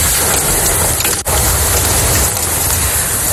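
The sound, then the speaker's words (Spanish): Hail pours down in the town of Macael, in the north of Almería province, Spain, in a dense, loud, continuous clatter of countless tiny impacts on hard surfaces, a steady rattling roar with one brief dip in the middle and no voices. “En el norte de la provincia de Almería, así sonaba el granizo en la localidad de Macael.”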